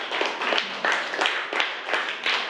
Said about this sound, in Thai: แต่เราสามารถต่อได้3ชั้นนี้ถือว่าเก่งมากกลุ่มนี้ก็ถือว่าสามัคคีกันดีมากเลยนะคะปรบมือให้เพื่อนกลุ่ม2ด้วยนะคะ